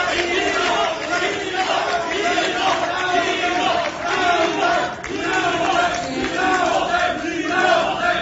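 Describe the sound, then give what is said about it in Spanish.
Supporters of defeated Morena candidates Rafael Marín Mollinedo (Quintana Roo), Ulises Mejía Haro and José Narro Céspedes (Zacatecas) protest by shouting "fraude" (fraud) during candidate announcements. The large crowd shouts and chants together, a dense, steady roar of many voices with rhythmic surges that holds loud for the full eight seconds. “El primero cuando simpatizantes de los aspirantes derrotados de Rafael Marín Mollinedo para Quintana Roo y de Ulises Mejía Haro y José Narro Céspedes a Zacatecas protestaron gritando fraude.”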